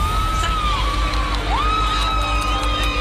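A crowd cheers and shouts outdoors on the beach at Platja de Palma, Mallorca, during a solar eclipse, with rising whistles and whoops sliding over a steady roar of many voices and a low wind-like rumble underneath.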